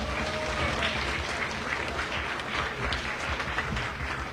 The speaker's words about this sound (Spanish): Un aplauso para Ladrillín.